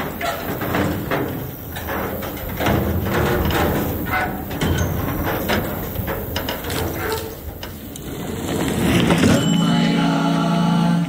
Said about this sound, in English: Still, it's time to stop and take in the sights and sounds, like these sheets of corrugated iron suspended over a string, creaking and straining in the wind.